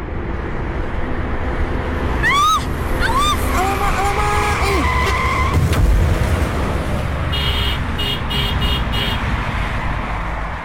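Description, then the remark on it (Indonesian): Tires squeal in rising bursts as a car skids while its driver is using a phone, then a horn blares and a dull impact lands as the car crashes and is scratched, followed by rapid beeping like a car alarm over steady traffic noise. “Lecet lah mobil nih. Kan udah aku bilang, kena batunya kan kamu.”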